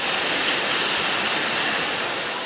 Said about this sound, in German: Hier rasen gerade Wasserflaschen übers Förderband. In Sekundenschnelle befüllt eine Maschine die leeren Flaschen mit Mineralwasser. Dann kommt noch ein Etikett drauf. Bei dem Getränkehersteller in der Südpfalz ist gerade absoluter Hochbetrieb,